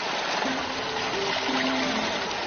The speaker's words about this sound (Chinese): 随着潺潺流水再次冲引水渠，连田也得以躲过即将到来的高温炙烤。